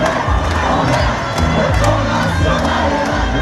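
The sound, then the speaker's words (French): A large protest march crowd of students, school pupils and unions heading to Place Masséna chants French slogans together outdoors, such as "La jeunesse emmerde le Front National", loud, dense voices rising and falling in rhythmic shouted phrases, with scattered cries and cheers over a continuous roar. “Ça y est, le cortège est parti, direction la place Masséna. Les slogans, les cris, les chants se mettent petit à petit en place.”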